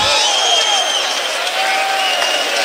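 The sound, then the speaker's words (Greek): A loud, steady roar of Panathinaikos basketball fans cheering and applauding in an arena during a game, dense and continuous throughout, with a few higher whistle-like tones rising above the din. “Ακούγονται φίλοι του Παναθηναϊκού που θα δουν ψυχώσει την ομάδα του Αταμάν.”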